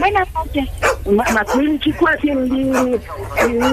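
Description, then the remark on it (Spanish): A small dog yaps and whines in a quick run of high, sharp barks, breaking into a drawn-out whimper midway before the yapping picks up again. “habla con la señora del perrito aquí, déjale cerca el perrito aquí.”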